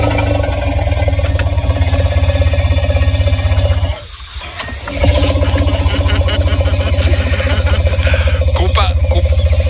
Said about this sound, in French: Et voici le ronronnement d'un éléphant, les amis.